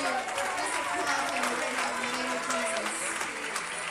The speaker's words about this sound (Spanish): ¿Cuánto le damos un aplauso al Señor?